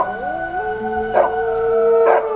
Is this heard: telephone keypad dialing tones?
no